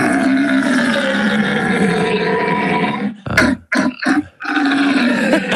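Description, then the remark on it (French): A man imitates a rutting stag's bellow, loud: a long, rough, droning roar that breaks into a few short guttural grunts, then swells into another sustained bellow. “Voilà, ils ont même des matinées, des soirées consacrées spécialement au brame jusqu'à la mi-octobre.”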